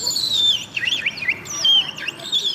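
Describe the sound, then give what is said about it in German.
A person whistles a bird-like song for an audience, imitating a willow warbler with high, descending whistled phrases and quick slurred trills, clear over faint background noise. “Und hier die Imitation.”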